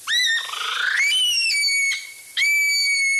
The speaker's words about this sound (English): That unsettling sound is the call of the Okarito brown kiwi.